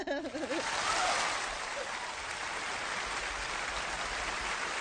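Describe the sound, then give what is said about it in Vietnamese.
A steady wash of applause for a winning contestant in a radio quiz game, dense clapping that holds at an even loudness for several seconds, with a short voice heard only at the very start. “Thôi thì dành cho anh một tràng pháo tay thật lớn đi ạ.”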